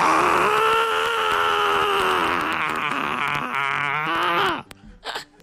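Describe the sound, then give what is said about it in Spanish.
A person imitates the angry, drawn-out scream of the cartoon character Helga Pataki, loud and strained for about four and a half seconds before cutting off abruptly, followed by a brief breathy sound. “Y tengo, ¿verdad?, el grito y todo cuando se enoja.”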